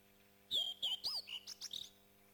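Akiapolaau chicks in a Hawaiian forest calling in a quick run of high, thin chirps and short whistles, about seven notes in under two seconds, soft and somewhat distant, with nothing else around them, as they wait for a parent bird to return.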